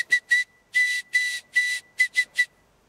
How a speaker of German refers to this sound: Alina weiß offensichtlich nicht, dass ich hier SOS vorgespielt habe.